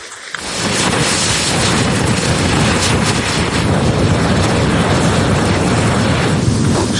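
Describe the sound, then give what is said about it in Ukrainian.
A test incendiary munition, meant to be dropped from a drone, ignites after a countdown with a sudden whoosh, then burns with a loud, steady roaring hiss that continues for several seconds, with no voices. “Балу готує до випробування тестовий варіант вогника, який скидатимуть із дрона, аби випалювати ворожі схованки”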